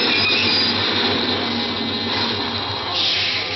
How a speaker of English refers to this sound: The subway stopped.